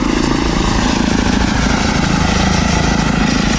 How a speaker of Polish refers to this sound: No, w porównaniu do helikoptera jest mega cichy. Tak, zdecydowanie to jest główna zaleta samolotów elektrycznych